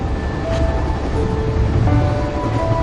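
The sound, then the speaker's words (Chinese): A steady, continuous rumble of a high-speed train running on rails, with thin whining tones drifting over the low roar; no one speaks. “现在这个高铁3个多小时，变化特别大。”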